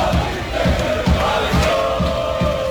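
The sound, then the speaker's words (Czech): A dense crowd of Croatian national team football fans in Philadelphia, at the World Cup match against Ghana, chants and cheers loudly and steadily, with rhythmic low thumps about twice a second underneath the sustained roar of voices. “Ono što je uvijek isto, mnogobrojni navijači gdje god naša reprezentacija igrala.”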